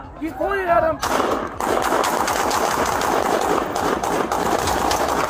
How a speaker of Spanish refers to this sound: Los disparos vinieron después de que Macías apuntara con una pistola y luego corrió de nuevo.